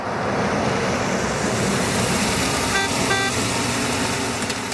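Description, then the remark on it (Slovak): A steady, loud roar of a car arriving to pick up passengers, a continuous road rumble with no talking, broken only by two brief high tones, like a short toot, near the end. “Prišlo po nás záhadné auto.”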